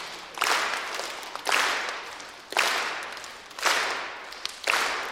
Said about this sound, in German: Und dann würde ich sagen, machen wir die Aufgabe, ihr klatscht auf der Eins und auf und drei. Auf der Drei. Genau, auf der Drei.